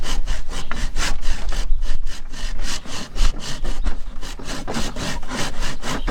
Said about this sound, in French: Je te laisse scier.